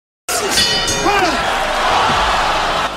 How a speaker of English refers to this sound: The bell rings, end of the round, and he still throws a punch, a dirty sneaky shot at a defenseless opponent, and then celebrates.